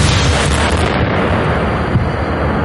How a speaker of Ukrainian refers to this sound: Вибух шахеда дав мінімальне проникнення в товщу бетона і всередині не було жодних уламків.